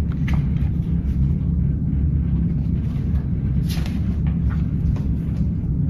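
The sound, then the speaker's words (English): A freight train moves on as piggyback cars carrying truck trailers, box cars carrying furniture and tank cars carrying oil roll past: a steady, heavy low rumble with faint metallic clatter and squeaks riding over the continuous roar. “The train moves on. Piggyback cars carry truck trailers. Box cars and tank cars go by.”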